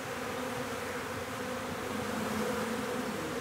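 A steady, dense hum of many honeybees buzzing together around an old log hive in the Planten und Blumen park, continuous for the whole stretch, with no voices.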